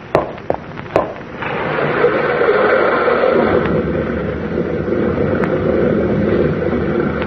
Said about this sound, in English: Sounded like a rock slide.